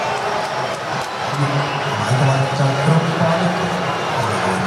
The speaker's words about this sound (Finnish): Mielenkiintoinen, todella kaksijakoinen reaktio. Paljon taputuksia kaikilta kärppähenkisiltä ja sen jälkeen kova buuauskonsertti tietenkin kotiyleisöltä, jotenka kyllä täällä tänään Hämeenlinnassakin etäkärppiä on paikalla.